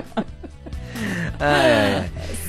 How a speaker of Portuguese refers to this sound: tá dando um bocejo atrás do outro agora, então.